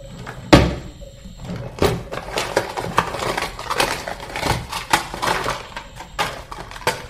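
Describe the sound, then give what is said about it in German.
Rummaging through a laboratory cabinet: a sharp knock opens a busy stretch of clattering, thumping and scraping as objects are shoved and shuffled around, with several louder clunks mixed in and no talking. “Chris folgte Mimis Beispiel und marschierte ebenfalls zum Laborschrank und durchwühlte ihn.”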